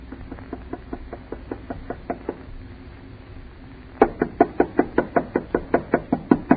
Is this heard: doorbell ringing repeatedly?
no